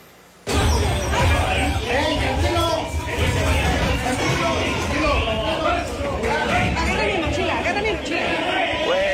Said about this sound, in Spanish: Bueno, en Somos dicen que aprendieron. En los micrófonos me lo han dicho, que aprendieron de las lecciones y ya se están repartiendo las posiciones, empujones, a gritos, a sillazos. Vamos a escuchar parte de lo que sucedió.